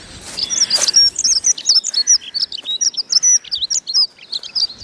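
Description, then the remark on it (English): Morning woodland birdsong beneath a newly green canopy, rising from treetops, hedges, leaf litter and fence posts: many high, quick peeps and chirrups overlap in a busy, continuous chorus, with bright warbling notes rising and falling throughout and no voices. “It fills the woods with peeping and chirruping, warbling and jittering.”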